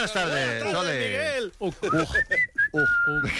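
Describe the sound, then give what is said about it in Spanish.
Someone whistles a few short, steady high notes, interrupted by bits of talking, after a stretch of speech with a drawn-out, sing-song voice. “como silbes, te echo automáticamente.”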